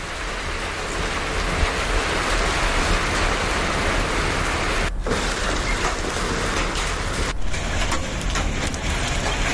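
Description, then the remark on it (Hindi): Heavy rain with hail pours down in several areas of Sri Ganganagar, under dense dark clouds after temperatures reached 48 degrees, in a dense, constant roar of drumming and hissing, briefly cut off twice near the end, with no voices. “तो पारा 48 डिग्री पहुंचने के बाद श्रीगंगानगर के कई इलाकों में बारिश और ओले गिरे।”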